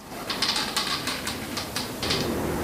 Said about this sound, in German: Es ist ganz ruhig auf dem Dachboden, nur das Holz unter den Füßen knarrt.